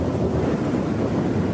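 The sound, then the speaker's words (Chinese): A steady, loud roar of rushing floodwater from a river swollen by melting snow after winter, continuous and churning with no breaks, with no voices. The torrent has broken railway and bridge supports. “原本平缓的河水变成了湍急的洪流，冲断了铁路和桥梁的支撑架。”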